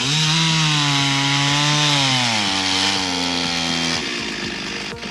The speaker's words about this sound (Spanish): No, a esta hora de la tarde en Circunvalación Sur, frente al supermercado El Trébol, donde cayó un árbol de importante envergadura, está trabajando una motosierra. Escuchemos.